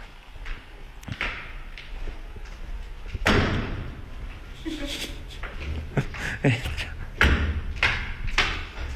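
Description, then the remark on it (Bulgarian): Heavy footsteps land in a series of loud, dull thuds at uneven intervals, with some low murmuring voices underneath. “Стъпки, стъпки, стъпки, стъпки, стъпки, стъпки.”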